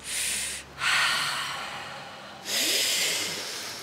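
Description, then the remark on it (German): A person demonstrates breathing: quick, sharp, noisy breaths in, shown as the way not to breathe, then a long, steady, airy exhale that slowly fades. No speech. “Das heißt, du atmest ein, aber lange aus. Und eben nicht dieses... sondern...”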